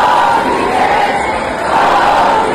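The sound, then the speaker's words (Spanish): A protest crowd at the Congreso de los Diputados in Madrid shouts "cómplices" in a loud, continuous roar of many voices, dipping slightly midway before swelling again, with no single voice standing out. “Parte de los acampados en Sol se dirigieron anoche hacia el Congreso de los Diputados, donde les gritaban cómplices, después de que PP, Vox y Junts tumbaran el decreto antidesahucios.”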